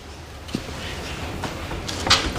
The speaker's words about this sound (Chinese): 窗户都给震开了。